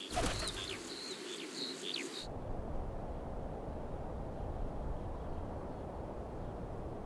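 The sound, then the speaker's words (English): A rare little owl gives a quick series of sharp, high calls over the first two seconds, then steady outdoor ambience of wind or rushing noise takes over for the rest. “One of these is the rare little owl.”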